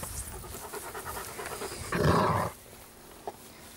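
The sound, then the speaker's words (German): An adult dog pants rhythmically, then lets out a short, loud growl lasting about half a second, growling back at a puppy that growled at it, before things go quiet, with one faint yip near the end. “Ja, wenn man knurrt, dann wird zurückgeknurrt”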